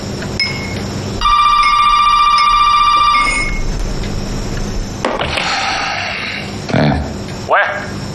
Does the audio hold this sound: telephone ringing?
yes